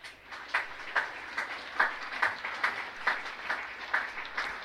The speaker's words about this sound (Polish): Bardzo proszę o wielkie brawa.